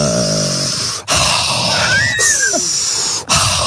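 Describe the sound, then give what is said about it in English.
Loud, exaggerated deep breathing done as mindful breathing: long, rough, airy inhales and exhales following one another, with a few squeaky whistling tones slipping through the breath noise. “Mindful breathing. I think I kind of do that because I”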